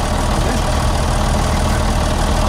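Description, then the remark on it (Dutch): A yellow truck's engine idles steadily, a loud, continuous low rumble with a rough mechanical texture and no voices over it. “komt Henk Wijngaard in zijn eigen truck voorbij rijden. Hoor dit dan?”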